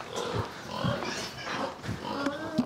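Several pigs on a farm grunt and snort as they are tended and fed, in a steady, overlapping series of low, rough bursts, with an occasional higher squeal cutting through the moderately loud, continuous farmyard bustle.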